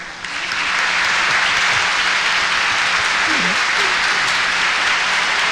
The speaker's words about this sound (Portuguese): Isso aqui eu vou dar para o aniversariante de hoje. Salve de palmas para ele.